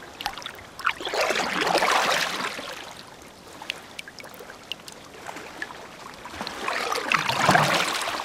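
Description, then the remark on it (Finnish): A hand dabbles through water over the gunwale of a rowboat, with soft splashes and trickles swelling and fading in uneven bursts, fairly quiet. “Soutuveneen kaiteen yli on mukava hilutella kädellä vettä.”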